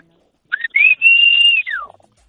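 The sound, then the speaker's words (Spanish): A person whistles a loud, piercing call signal in the street to call the neighbourhood children out to play football: a short rising note, then a long held tone that glides downward at the end, heard alone. “Entonces ya nos poníamos en la calle y empezábamos a chiflar.”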